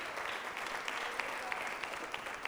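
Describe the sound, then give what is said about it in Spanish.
An audience applauds God during a Spanish-language sermon, a dense wash of many hands clapping at once with a few sharper individual claps popping out, sustained and moderately loud with no talking. “Dele fuerte ese aplauso al Rey mientras yo tomo un poquito de agua.”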